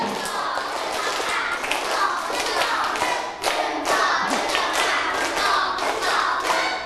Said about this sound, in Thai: เด็กดีปรบมือเป็นสเต็ปหนึ่งรอบ